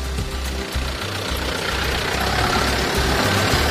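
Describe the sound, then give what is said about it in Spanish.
Steady low rumble of engines from a few vehicles, like trucks idling and moving along a street in Eibar on European Car-Free Day, with a broad wash of traffic noise filling the background and no voices. “Como cada año es el día sin coches en Eibar, pero como se puede escuchar, las carreteras no están vacías. Sí que hay vehículos circulando, pocos, pero los hay.”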